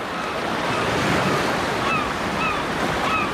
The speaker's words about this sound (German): Plötzlich hörte ich entfernte Wellen und Möwen.